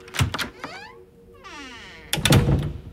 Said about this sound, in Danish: Pludselig så banker det på klasseromsdøra.